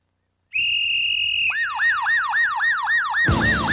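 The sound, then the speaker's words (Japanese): A transforming toy police car's siren sounds loudly, starting with a steady high electronic tone, then switching to a rapid repeating wail, and ending in a burst of harsh noise. The toy reacts with light and sound to the Signal Whistle. “これが本館のシグナルホイッスルに光と音で反応する変形パトカーだ。”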